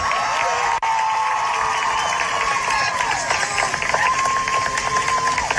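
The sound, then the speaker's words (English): A large crowd at a graduation ceremony cheers and claps steadily as a graduate's name is called, a dense roar of voices and applause with a few whistles rising above it, loud and sustained throughout. “The crowd also erupted in cheers when Gomes' name was called.”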